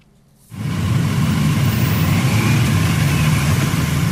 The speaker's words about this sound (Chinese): 上午9时许，七一勋章获得者集体乘坐礼宾车从驻地出发，由礼宾摩托车队护卫前往人民大会堂。